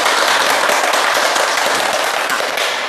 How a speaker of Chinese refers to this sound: 今天呢，我们非常高兴的邀请到了国家语委咨询委员、中国传媒大学的姚喜双教授，我们掌声欢迎。